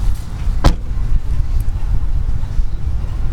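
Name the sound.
getting out of car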